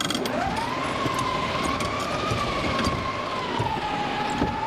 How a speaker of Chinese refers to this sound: 有感受到北风呼啸吗？看看，它这个是一种互动的沉浸式体验。